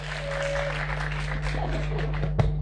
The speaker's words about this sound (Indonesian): Biasanya saya bermain dengan suami saya, tapi kali ini saya bermain dengan perempuan-perempuan hebat di sini. Beri tepuk tangan.